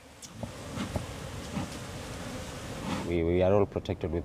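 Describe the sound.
A steady, dense hum of many honeybees buzzing around beekeepers' hives in mangroves fills the first few seconds, then a person's voice starts speaking as the buzzing continues underneath.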